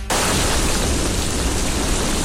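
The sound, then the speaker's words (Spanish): A recording of rain sounds for sleep, played at night by an Alexa smart speaker on a spoken request, starts abruptly and then holds as a steady, loud, dense hiss with a soft low rumble underneath, continuing evenly with no voices. “Entonces le dije yo a Alexa anoche, Alexa, reproduce sonido de lluvia para dormir.”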